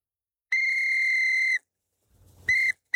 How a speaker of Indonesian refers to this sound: Tahun lalu ayah kasih hadiah peluit ini, Bun. Kata ayah, kalau aku tiup peluit ini, ayah pasti datang.